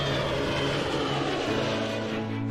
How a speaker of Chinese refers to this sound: 虹桥国际机场是空往世界的重要空中门户。随着飞机一架架归港，过夜航空器守卫任务开始了。